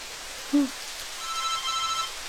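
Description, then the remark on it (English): A telephone in a flat starts ringing partway through, a thin steady electronic tone sitting faintly over the constant hiss of running shower water, with a brief low thump just before. “Oh, now what? Who's calling me?”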